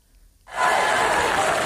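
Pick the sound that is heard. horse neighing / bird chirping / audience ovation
audience ovation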